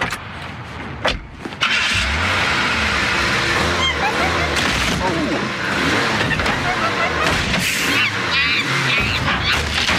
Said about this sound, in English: Here's an example that should help. The noise without the monkey sounds is cars crashing into one another.